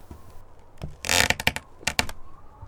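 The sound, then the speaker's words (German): Wood creaking just outside a bedroom in a run of dry, crackling clicks, with a loud burst followed by a second short cluster, over a quiet background with no voices. “Ui, ui, hat es da draußen vor ihrem Zimmer gerade geknarzt?”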